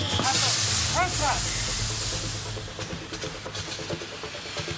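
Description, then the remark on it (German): A loud, rushing hiss of water hitting a fire and turning to steam, strongest at first and then tapering off after a couple of seconds, with brief faint voices and clatter in the background. “Stehen jetzt vor dem Feuer? Ja, dann mach aus, Scheiße.”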